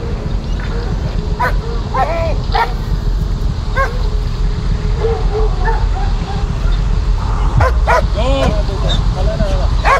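A dog yips and barks in short, repeated bursts against a loud, constant rushing noise, with people shouting intermittently nearby.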